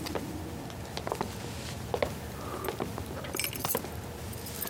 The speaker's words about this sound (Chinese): 钥匙啊